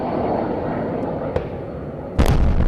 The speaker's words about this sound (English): The sounds of missiles and explosions could be heard from NPR's Kyiv bureau for several hours overnight. Ukraine's Air Force said Russia launched nearly 70 missiles and more than 350 attack drones.